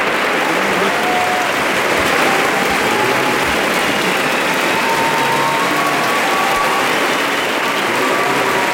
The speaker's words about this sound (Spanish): Estamos escuchando un aplauso interminable, un aplauso que se produjo en varios momentos de la representación de este, digamos, preestreno para jóvenes, para menores de 30 años anoche.